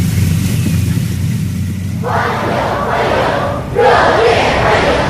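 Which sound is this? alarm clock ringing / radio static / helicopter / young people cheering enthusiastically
young people cheering enthusiastically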